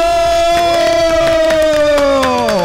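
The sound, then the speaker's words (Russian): A long, sustained cheering cry that slowly drops in pitch, with sharp hand claps landing at an irregular beat throughout, the studio's Friday applause after a chant of "Friday", fairly loud, with no talk over it. “Да, мы молодцы, и аплодисменты пятницы, конечно же.”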